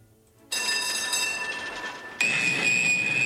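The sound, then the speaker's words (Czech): A tram rumbles along its rails with a steady roar and thin metallic whines, then grows suddenly louder as a high squeal of wheels on track rises and holds. No one speaks. “Pouštím záznam z tramvaje, jo?”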